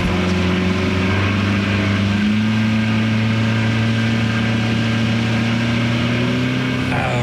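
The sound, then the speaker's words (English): A motorboat engine drones steadily and loudly throughout, its low hum shifting slightly in pitch as it runs, with no voices heard. The boat carries university researchers out to Myrtle and Smith Islands on the eastern shore of Virginia at about 5:30 in the morning before sunrise, for bird counts. “Donald Frazier is driving the boat”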